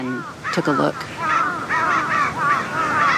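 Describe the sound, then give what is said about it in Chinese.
Several crows, having found a dead crow on the ground, caw harshly and repeatedly in overlapping bursts, loud and agitated, their raucous alarm calls filling the air with barely a pause. “乌鸦现在发出的似乎是警报声，之前的警报也吸引了附近的乌鸦过来查看。”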